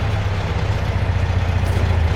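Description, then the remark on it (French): A car that is not black arrives and its engine idles with a steady, low rumble that stays at an even, fairly loud level throughout. No one speaks. “Ah, voilà une auto qui arrive.”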